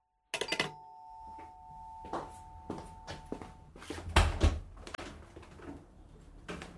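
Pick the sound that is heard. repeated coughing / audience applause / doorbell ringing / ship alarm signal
doorbell ringing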